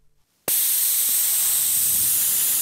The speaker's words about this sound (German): Jetzt habe ich zwar zwei platte Reifen, aber ich habe ein tolles Zischen aufgenommen.